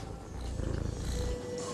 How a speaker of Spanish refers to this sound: ¿Ronroneas?